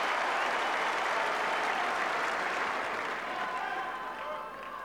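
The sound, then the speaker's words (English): A large centre court tennis crowd applauds and cheers steadily during a match, a dense wash of clapping that holds loud for several seconds before easing off slightly toward the end. “The centre court crowd trying to do their bit.”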